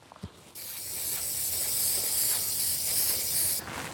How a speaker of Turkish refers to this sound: Ancak göstergeleri yerleştirmeden bunu çok güzel bir suni deriyle kaplayarak son dokunuşu yapmak istiyorum. Bunun için biraz sprey yapıştırıcı lazım.